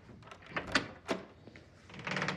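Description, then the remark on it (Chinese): A door is unlatched and opened to answer a visitor, with a few sharp knocks and clicks from the handle, then a soft rush of sliding, scraping noise as it swings. “我开门去。”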